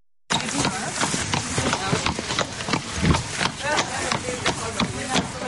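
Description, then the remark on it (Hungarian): Hooves clop unevenly on a hard floor as two horses are led into the hall of the University of Veterinary Medicine for a live horse anatomy class, with scattered overlapping steps and shuffling, and voices murmuring in the background. “Két lovat vezetnek be az aulába, és hamarosan kezdődik az élő lovas anatómia óra.”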